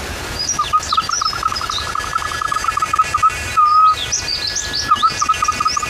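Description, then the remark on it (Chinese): A bamboo whistle, a natural instrument, imitates birdsong with rapid trilling chirps and warbling high whistles, repeated in bursts with a brief steady tone midway, fairly loud with no talking. “模拟鸟叫的声音，还有另外一种鸟，这是一种鸟叫。”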